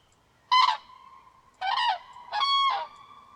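Three loud, brassy crane trumpeting calls ring out in quick succession, each a short harmonic blare, with a faint sustained tone lingering between them and no voices.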